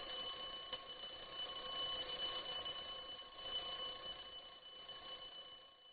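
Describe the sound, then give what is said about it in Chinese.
A telephone rings with a steady, high-pitched electronic tone that holds unbroken for about six seconds, with no voices over it. “5岁的杰西卡正在玩，电话响了。”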